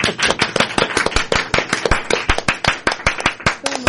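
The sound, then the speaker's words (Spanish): A short burst of applause: many sharp, crisp hand claps overlapping in a quick, irregular patter, steady and fairly loud for a few seconds, with no voices. “¿Podemos aplaudir, por favor?”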